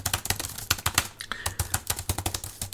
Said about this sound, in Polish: Jak to mniej więcej brzmi? Jak się pisze po tym komputerze?